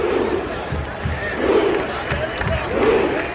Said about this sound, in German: Aber die Nummer 1 unserer inoffiziellen Hitparade der WM-Stadiongesänge, die absoluten Abräumer, kommen aus Norwegen. Die norwegischen Fans sind so irre, die komplette Kurve macht Ruderbewegungen im Takt und brüllt dazu, ja, hören Sie selbst.